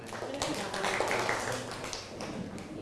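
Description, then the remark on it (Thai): A group of children claps together for a classmate's answer in class, in quick, uneven bursts of applause that stay fairly steady throughout, with some voices faintly mixed in behind the clapping. “กวาดใบไม้ครับ กวาดใบไม้อ้าวปรบมือให้เพื่อนหน่อย”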